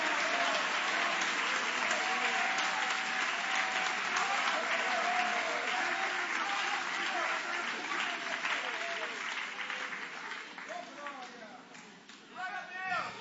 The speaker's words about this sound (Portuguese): Levanta a mão aplaudindo. Levanta a mão adorando. Vai glorificando.